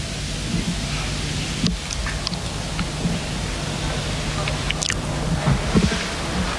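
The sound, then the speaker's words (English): Steady, hissing rain falls continuously at a racetrack in Newcastle, a dense wash of noise with a few faint taps and knocks scattered through it, even in loudness. “Raining at Newcastle.”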